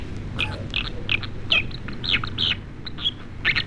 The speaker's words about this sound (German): So, und dann hätten wir noch einen, und zwar die Wasseramsel. Das finde ich ein toller Vogel, aber ich finde, es klingt ein bisschen wie ein Faxgerät.